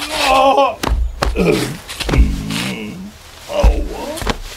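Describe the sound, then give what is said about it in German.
A person slips on overnight black ice just outside a door and falls: several sharp thuds and scuffs mixed with strained, wordless yelps and groans, loud, over about four seconds. “Oh nein, jetzt bist du auch hingefallen. Warum ist das so rutschig? Es hat heute Nacht Glatteis gegeben.”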